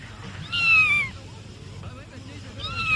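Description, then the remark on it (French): A toad calls twice: a high, drawn-out note sliding downward, then another starting at the very end, both heard over a steady low rumble. “Ah, ça, c'est... Un crapaud, ça.”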